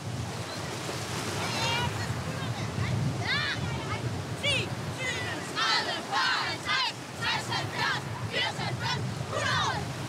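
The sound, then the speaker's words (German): Repeated splashing as a swimming class hops 10, 20, 30 times in 16 °C Danish sea water as a warm-up, with rhythmic bursts of churned water over a steady wash of surf-like noise, and voices calling out now and then. “Wir hüpfen 10-mal, 20-mal, 30-mal. Ihr seht's gleich.”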